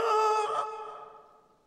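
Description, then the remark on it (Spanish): A duck singing badly lets out a single loud, off-key squawk that rings harshly for a moment and then fades away, with no talking. “Otro pato cantando aquí. Y no lo hace muy bien.”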